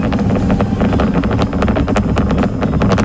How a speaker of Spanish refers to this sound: Bueno, entiendo que es el cohete despegando, sí, no es el mechero de alguno. No es una cafetera. Bueno, este ha sido el último vuelo suborbital previsto antes de intentar, si todo sale según lo previsto, un vuelo orbital completo.